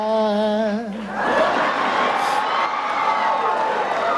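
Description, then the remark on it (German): A brief sustained sung note gives way to a loud wash of audience cheering and applause that fills the remaining few seconds, with scattered whoops and laughter in the crowd. “Ja, und Applaus auch für Sie”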